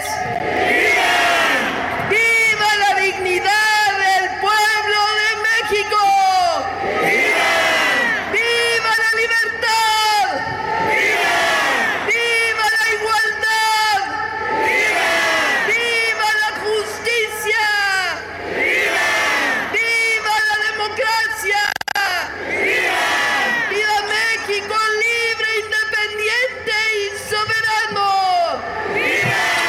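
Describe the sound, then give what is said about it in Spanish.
A large crowd at the Palacio Nacional in Mexico loudly shouts "viva" in unison, the roaring chant coming in repeated surges every few seconds, answering a lone leading voice between surges, including a call of "Viva" for Mexican migrants. “¡Viva nuestras hermanas y hermanos migrantes!”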